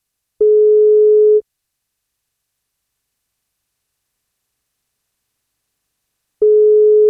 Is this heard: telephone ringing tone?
yes